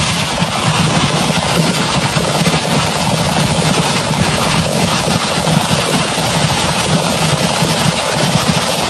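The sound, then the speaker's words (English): Fireworks going off as a fire goes through a fireworks stand and blows it up, recorded on a phone: a loud, unbroken roar of rapid crackles and pops that blur together, holding steady for the whole stretch with no voices. “So this is audio of the fireworks going off.”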